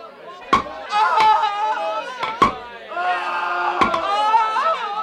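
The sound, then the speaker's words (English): Four sharp, loud hammer blows drive nails as Roman soldiers nail robbers to crosses, struck at uneven intervals and ringing out over a continuous backdrop of crowd voices and cries. “Get the nails and the hammer.”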